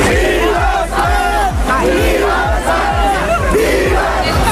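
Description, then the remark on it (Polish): A huge crowd celebrating Spain's football World Cup final win over Argentina (1-0 after extra time), the celebration starting right after the final whistle in New York, chanting and cheering loudly together over a steady, booming drumbeat that pounds about twice a second without a break. “Zaraz po ostatnim gwizdku w Nowym Jorku zaczęło się wielkie świętowanie.”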